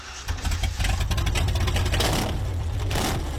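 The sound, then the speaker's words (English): A new V8 engine in a bull catcher, a vehicle used for mustering wild cattle, roars, revving hard and rising in pitch with a throaty, rumbling low end that stays loud throughout. “have installed a shiny new V8 engine in theirs.”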